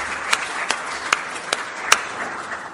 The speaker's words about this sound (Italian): non solo mio personale, ma da parte di tutti gli italiani, che la ricordano sempre in modo molto affettuoso, alla signora Franca, che è collegata con noi, a cui vi propongo di rizzare un applauso affettuoso.